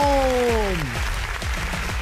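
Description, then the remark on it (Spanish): Dense, steady applause from a crowd fills the whole moment, loud, with a sliding, falling cheer or whistle riding over the clapping at the start; applause for Jalisco, announced as number 2 in a ranking. “Fuerte el aplauso, señores y señores, para Jalisco.”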